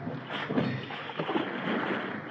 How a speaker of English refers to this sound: Pull those oars, man.